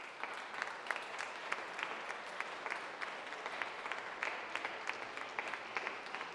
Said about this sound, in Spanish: Denle un aplauso a Damián, miren.